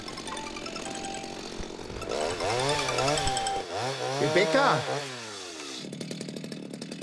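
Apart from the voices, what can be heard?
chainsaw running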